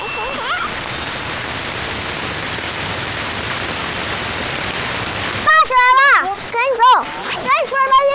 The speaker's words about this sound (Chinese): 哦哦，你们听到声音了没有？ 下雨了。 哦，我滴到我。 先躲躲雨。